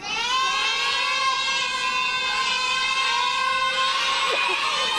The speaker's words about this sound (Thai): หมายเลข7โอ้กองเชียร์ประสานเสียงกันมาเหมือนนัดกันมากเลยเลขพร้อมเพรียงกันมากเลยค่ะ